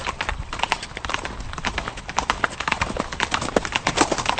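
Steady hooves clip-clop in a quick, uneven rhythm with a rumbling undertone as horses pull a heavy stagecoach along a road, moderately loud throughout.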